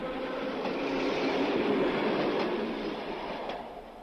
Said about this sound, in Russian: А когда электричка отстучала свое на стыках рельсов, оказалось, что пора идти пешком.